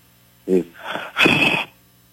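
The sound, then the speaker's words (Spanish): A short voiced gasp is followed by a longer, louder breathy rush of air, like heavy panting, with a faint hum underneath and no speech. “Se está escuchando así como un como un tipo jadeo.”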